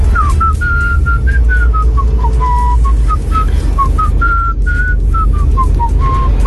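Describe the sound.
A person whistles a catchy pop melody, a steady run of clear notes gliding up and down, over a constant low rumble of background noise with no talking.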